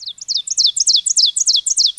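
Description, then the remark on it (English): A loud, ringing song of an Ovenbird, a warbler, made of rapid, repeated two-note phrases, high-pitched and emphatic, building in a steady rhythmic series with no talking. “like the Ovenbird, whose song we're hearing now.”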